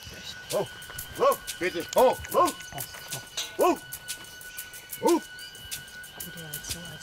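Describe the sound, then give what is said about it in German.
A horse gives a series of short, reedy whinnies at irregular intervals, over soft shuffling and hoof movement, with a thin steady high tone running throughout. “Bei den Pferden gibt es auch ein Alpha-Tier.”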